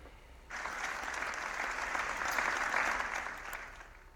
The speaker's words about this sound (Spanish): El minuto de silencio ha finalizado con un sentido aplauso.